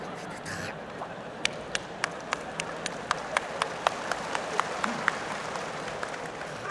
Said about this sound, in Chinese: 还鼓掌，上来俩有劲儿的小伙子，把他轰下去。